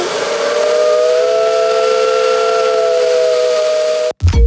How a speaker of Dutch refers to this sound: Moet de trein nog eens toetoe doen? Ja, toetoe.